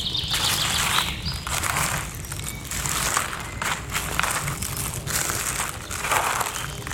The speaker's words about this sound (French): Je vous propose de découvrir les paysages sonores du Piémont pyrénéen. Ici, en ce début de printemps. Florilège des oiseaux qui gazouillent.